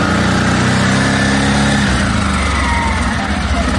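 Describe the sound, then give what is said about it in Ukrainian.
A loud quad bike engine runs steadily with a buzzing, throaty drone, then its pitch shifts partway through as the throttle changes. Soldiers are testing the quad bike, one of four donated by charities to the 9th Army Corps for logistics tasks at the front. No voices can be heard. “Трохи газу і бездоріжжя вже не проблема. Військові випробовують квадроцикли, які невдовзі вирушать на фронт.”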